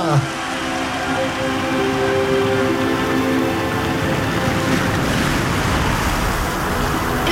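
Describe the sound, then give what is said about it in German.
Loud, steady rush of sea waves and blustery wind fills the scene, with the surf's churning roar constant throughout and faint, indistinct voices buried beneath. “Ein Windstoß hat sie ins Meer getragen.”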